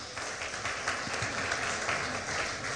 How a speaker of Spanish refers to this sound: ¿Cuántos dicen gloria a Dios? Gloria, denle ese aplauso, Señor Jesús.